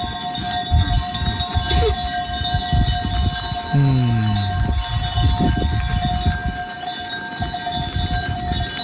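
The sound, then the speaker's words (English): A herd of goats blocking a walking path moves past, their bells clanking and tinkling steadily, with an occasional bleat rising over a constant low rumble in the background. “It was the unmistakable sound of a herd of goats in the way.”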